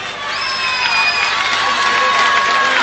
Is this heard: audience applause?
yes